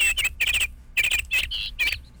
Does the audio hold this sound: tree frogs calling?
no